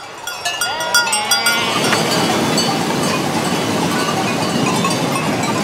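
A large flock of sheep being gathered in a village, bleating continuously with many overlapping calls, with bells clinking rhythmically at the start and a dense, busy crowd murmur throughout.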